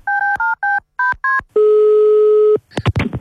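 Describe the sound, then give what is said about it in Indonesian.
A quick run of about six dual-pitched telephone keypad beeps as a phone call is dialed, followed by one long steady tone and a few sharp clicks at the end, loud with no talking. “Kita telepon lagi Uni.”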